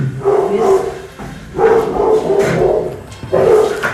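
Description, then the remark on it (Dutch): Several guard dogs bark loudly at the door as a guest arrives, in a series of rough, repeated bursts, with brief pauses between volleys and no talking. “Want we hebben hier een ontvangstcomité van onze honden. Jammer genoeg maken ze veel lawaai.”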